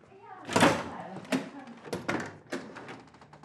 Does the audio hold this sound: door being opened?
yes